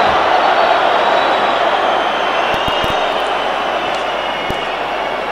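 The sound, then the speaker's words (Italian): A steady wash of crowd noise fills the whole stretch, the sound of Bologna's away supporters chanting during a football match in an otherwise silent stadium, with a few faint knocks near the end. “Stadio muto, si sentono i tifosi del Bologna, ha ammutolito lo stadio.”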